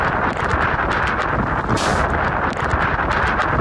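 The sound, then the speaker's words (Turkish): Strong, roaring wind of Typhoon Dolfin in eastern China, strong enough to overturn a truck, buffets the microphone continuously, a dense rumbling blast with gusty surges and no pauses, loud throughout. “Kamyon şiddetli rüzgarın etkisiyle devrildi.”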